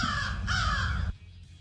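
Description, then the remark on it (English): Two loud, harsh crow caws in quick succession, raspy, the second slightly longer, then an abrupt cut to near silence. “The Crow.”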